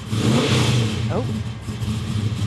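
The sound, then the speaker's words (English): A car engine revs with a loud, throaty roar as it is given a little gas, its pitch swelling briefly before settling back into a steady rumble; a voice may be faintly audible underneath. “Give it a little gas.”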